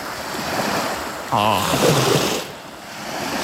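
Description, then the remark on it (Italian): Steady wash of sea waves rolling in, a broad continuous roar with a brief swell in the middle; a faint voice briefly surfaces over the surf. “Poi poi c'è un rumore, ci hanno mandato un video con le onde del mare.”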